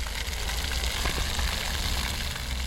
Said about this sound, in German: Im roten Pflaster ein flaches Brunnenfeld. Wasser plätschert, Kinder laufen hindurch.